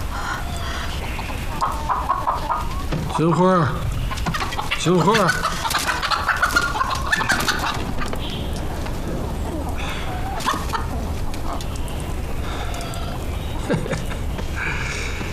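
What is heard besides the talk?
hen clucking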